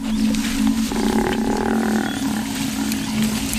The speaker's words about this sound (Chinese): 非洲水牛呼唤同伴的叫声打破了清晨的宁静。斑鬣狗听到了非洲水牛的求救声，他们推断有狮子抓到了非洲水牛，可是在哪儿呢？